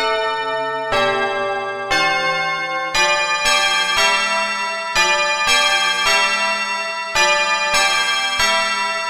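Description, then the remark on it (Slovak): Church bells of a large city in the distance peal in a steady, overlapping sequence, each loud strike ringing out with a long shimmering tone before the next one lands. No voices are heard. “Keď sa mu už od hladu nohy podlamovali, zbadal v diaľke veľké mesto a začul vyzváňanie zvonov.”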